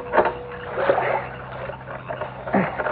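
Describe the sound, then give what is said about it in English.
A boat poled slowly through thick mats of water lilies: soft swishes and gentle splashes come in a few uneven strokes, with quiet dripping and rustling between them and no talking. “he found himself poling through mats of water lilies toward a willow tree that hung over the bank”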